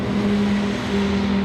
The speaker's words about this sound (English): A half hour east of Harper, a semi-truck stacked with hay bales rumbles through the town of Vail.